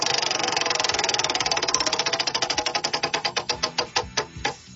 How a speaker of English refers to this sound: I'm going to give it a spin. Here we go. Wheel of Topics. Let's go.